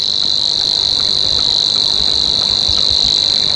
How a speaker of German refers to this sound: Bei uns gibt es 3 davon, nämlich noch den Rohrschwirl, der dann eher das Schilf mag und ein bisschen wärmer klingt, so hier.